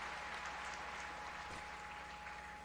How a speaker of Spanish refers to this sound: Agradecemos a los hermanos del barrio Santa Fe por haber organizado los cantos y las lecturas de la Santa Misa. Pues démosle un aplauso a los hermanos.